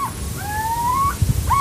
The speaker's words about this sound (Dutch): Het is het kort alarmroepje wat je nu hoort.